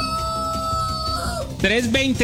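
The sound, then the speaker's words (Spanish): A rooster crows loudly, one long drawn-out call that falls in pitch, followed by a rougher, wavering burst at the end, played at 5 in the morning on a radio broadcast in Bogotá. “Mientras mi gallo canta, ustedes están conectados con Olímpica y con los titulares.”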